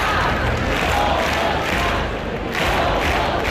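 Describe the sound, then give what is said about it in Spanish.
A crowd of about 2,500 people in Oviedo's town hall square shouts the slogan "Somos Más" together at a protest against an attack on two left-wing activists, demanding the mayor's resignation. The loud, dense roar of many voices rises and falls in rhythmic swells with no pause for the whole stretch. “Al grito de Somos Más, unas 2.500 personas, según la policía, han abarrotado la plaza del Ayuntamiento obetense para exigir la dimisión del alcalde y para responsabilizar a Vox del clima de odio que propició la agresión”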